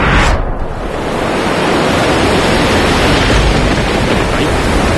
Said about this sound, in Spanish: Que está lloviendo un montón y este barco no se está quieto, nos vamos a hundir.